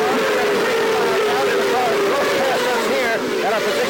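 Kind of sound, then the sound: vehicle, race cars passing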